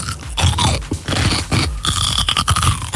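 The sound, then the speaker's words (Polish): A loud crunchy bite into a pickled cucumber, followed by wet, irregular chewing and crunching sounds that continue for a few seconds without any talking. “No jak to, co jecie? Ogórek kiszony, nie. Albo mało solny.”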